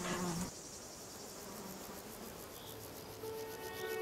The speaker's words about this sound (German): Im Frühling verwandelt der Ginster die sonst kargen Inseln Griechenlands in ein Blütenmeer. Bienen bestäuben Frühblüher wie den wild wachsenden Rucola und die violett blühende Kronenanemone.